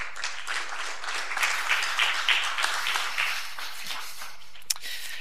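Steady applause from an audience, a dense wash of many hands clapping at an even level for about five seconds, with one sharper clap standing out near the end.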